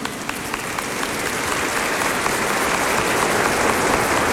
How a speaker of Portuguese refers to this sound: A todos acolhemos com uma grande salva de palmas.